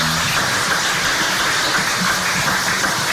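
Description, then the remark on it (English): An audience claps steadily, a dense, even wash of many hands that holds at a constant loudness for about three seconds with no voices over it. “Give him a round of applause for sharing with us.”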